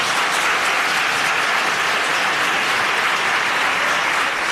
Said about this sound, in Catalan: va acudir al Parlament per seguir el ple monogràfic dedicat a la pagesia, i la cambra va respondre així, li va dedicar una ovació.